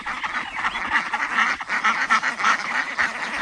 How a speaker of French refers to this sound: Ça, ce sont nos canards coureurs indiens, qu'on appelle aussi la brigade anti-limace. Voilà, qui s'occupe de manger un petit peu les protéines du jardin.